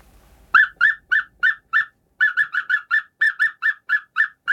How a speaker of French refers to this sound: un coucou africain qui fait une espèce de son.